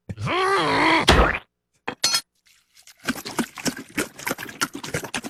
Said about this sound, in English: Is that the dog licking it? That was gasoline pouring.